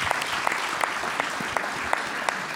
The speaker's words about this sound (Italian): Un applauso, Presidente, grazie.